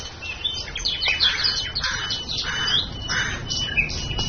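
Several birds chirp and sing at once in a forest in a steady, overlapping chorus, with repeated bright calls over a soft outdoor hush of rustling leaves, with no voices.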